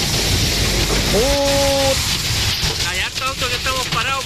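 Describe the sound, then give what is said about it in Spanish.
Heavy hail pounds a car stopped on the highway between the Teno and La Montaña junctions in a loud, dense, continuous roar; the driver had to pull over because of the hail. A short tonal beep sounds early on, and a voice starts talking over the din near the end. “Que estamos parados por lo mismo, está granizando muy fuerte.”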